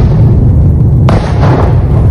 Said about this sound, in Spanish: Según las autoridades ucranianas, se escucharon fuertes explosiones en toda la zona durante la noche del sábado al domingo, y los misiles llegaron a edificios residenciales y varias escuelas.